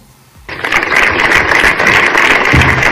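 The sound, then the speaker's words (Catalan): After a quiet half second, applause from dozens of local residents of Torelló bursts in and holds steady: dense, crackling clapping that stays loud and even to the end, with no voices. It is an evening rally in the Plaça de la Vila, called by the town council, against the stabbing of a health-centre worker. “I aquests són els aplaudiments de desenes de veïns del municipi.”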